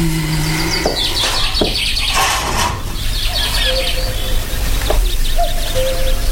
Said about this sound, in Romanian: Ce frumos este afară. Păsările au început cu limbuția lor. Cucu s-aude cântând.